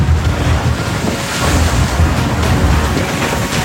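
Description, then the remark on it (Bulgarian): Loud, steady rush of stormy sea waves and gusting wind buffeting the Bulgarian border police ship Burgas at night in rain, sea state 4, with heavy low rumble throughout and no voices, continuous for the whole stretch. “Тъмно, дъжд, вятър, внимавам за хората си, за хората на кораба, за целостта на самия гръщ полицейски кораб.”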